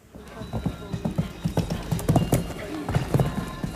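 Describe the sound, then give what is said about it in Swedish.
Horse hooves clip-clop in a steady, uneven rhythm on hard ground at the Åland show jumping championships at Himyra farm, Åland, on a Saturday, with a crowd-like background murmur and a voice speaking over it. “De åländska mästerskapen i hästhoppning var under lördagen.”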